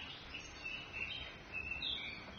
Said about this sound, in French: Tout ça au son des petits oiseaux de chez vous, Annette Messager.